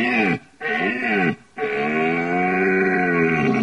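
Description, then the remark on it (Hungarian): A rutting stag bellows three times: two short, deep groaning roars followed by a long, sustained one, loud and rich with a throaty, wavering pitch, with no talking. “A bőgő bikának a hangja az különböző orgánumú.”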